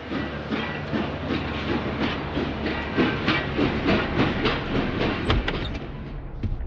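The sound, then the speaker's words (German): A steam train at Bitterfeld railway station, with a steady loud hiss and rhythmic chuffing bursts rolling on for several seconds, a brief whistle-like tone near the end. “auch am Bahnhof Bitterfeld.”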